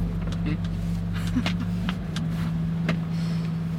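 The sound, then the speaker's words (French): A steady, low engine drone fills the cab of a moving truck transporting a replica of the Lascaux cave to an exhibition, with faint rattles and brief voices over the constant rumble. “Il y a une grotte dans mon camion.”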